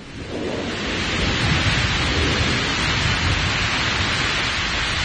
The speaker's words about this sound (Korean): 우리소리가 거세지면서 강물소리와 뒤섞여 하늘 땅을 쩡쩡 울렸다. 급기야 폭우가 쏟아지었다.